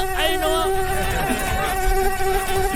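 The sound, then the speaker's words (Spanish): A high-pitched mosquito whine drones steadily for a few seconds, its thin buzzing tone wavering slightly in pitch, loud and continuous with no voices. “Pero te informo que hoy, 20 de agosto, es el día... El día del mosquito, my bro, en serio.”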